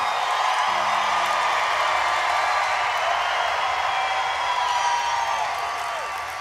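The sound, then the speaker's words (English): A large live crowd roars continuously, cheering and whooping with dense, steady noise that fills the space, loud and sustained before easing slightly at the end. “Ooh, we got a party crowd here tonight.”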